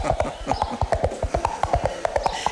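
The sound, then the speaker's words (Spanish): Hollow clip-clop knocks in a quick, steady galloping rhythm, about twenty crisp hits, made by clapping two coconuts together to imitate galloping horse hooves, a well-known radio and theatre sound effect. “Y, por ejemplo, uno de los recursos más famosos de radioteatros y teatros de todo tipo era hacer el sonido de caballos con 2 cocos chocando.”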